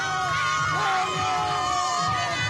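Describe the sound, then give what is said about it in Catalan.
A loud crowd celebrates with overlapping shouts and cheers, a dense wall of excited voices that stays steady and energetic throughout. “No hi ha paraules, hi ha celebració, crit.”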